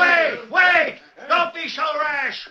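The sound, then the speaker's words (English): Loud, angry shouting from several voices of a mob wanting to lynch a prisoner, facing a sheriff and his men on horseback, comes in four surging bursts, overlapping into a rowdy crowd clamor with brief gaps between the yells. “but Jake Spencer renewed the crowd's fury.”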